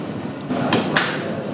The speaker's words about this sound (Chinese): 敲击鹅身，随着铿锵有力的声音浮现，林天佑才有空拭去汗水。